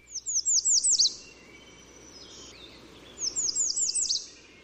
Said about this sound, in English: And then American Redstart is number 10.